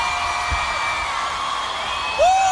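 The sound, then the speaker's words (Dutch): A large crowd screams, cheers and applauds steadily, a dense wash of high-pitched voices, with one rising whoop standing out near the end; the sound stays loud and continuous throughout. “Een hoop gegil, een hoop applaus”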